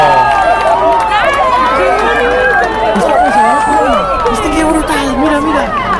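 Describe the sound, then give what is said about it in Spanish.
A large crowd cheers and shouts excitedly at the sight of a total solar eclipse, many overlapping voices rising and falling in loud, continuous exclamations that never let up across the few seconds. “Aplausos, lágrimas, gritos, abrazos, mucha emoción.”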